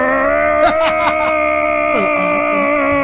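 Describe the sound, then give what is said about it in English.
State senator Pete Campos of Las Vegas imitates Zozobra, the burning effigy, on the Senate floor: a monstrous groaning wail, a sustained low, strained moan with a rich buzzing harmonic tone, wavering and sliding in pitch, held loud for about three seconds. “Well, since the burning of Zozobra candy is coming up this Friday, let's hear from our old friend Pete Campos, state senator from Las Vegas, and his Zozobra impression that he did on the Senate floor several years ago.”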